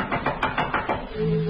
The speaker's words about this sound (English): someone knocked at the front door. It was late.